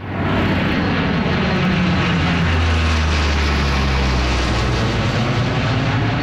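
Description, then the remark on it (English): Military aircraft roar overhead, flying over food trucks and a kid zone at an event held by the Canadian Armed Forces with the Southern Chiefs Organization, the Manitoba Métis Federation and the Manitoba Inuit Association. A loud, sustained rumble with deep low engine drone and broad noise that swells slightly and holds steady, no voices audible. “The sound of military aircraft flying over food trucks and a kid zone, along with music and dancing.”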